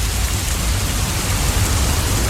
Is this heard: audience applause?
no